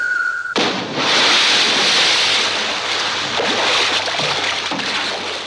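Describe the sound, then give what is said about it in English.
A short tone is cut off by a loud, sudden splash as a man in a raincoat, leaping from a 14-story tower, plunges into the ocean below, followed by several seconds of rushing, churning water and surf. “And plunges immediately into the ocean below.”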